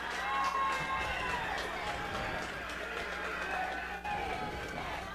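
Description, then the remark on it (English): A large stadium crowd of Rocktown fans, on their feet, cheers at a football game against Monticello with 24 seconds left in the fourth quarter and the score 24-7, a loud, steady roar of many voices that holds for several seconds without letting up. “The Rocktown crowd on their feet.”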